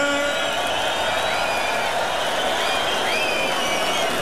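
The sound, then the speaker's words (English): A festival crowd at Tomorrowland cheers and applauds for the DJ in a steady, loud wash of noise, with high shouts and whoops rising above the continuous clapping for the full four seconds. “And make some noise for the DJ,”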